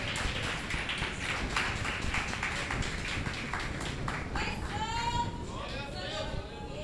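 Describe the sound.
A church audience claps steadily together in a dense, rhythmic burst for several seconds, welcoming a preacher and glorifying the name of Jesus, then the clapping thins out as voices and a sliding, wavering tone rise over the fading applause.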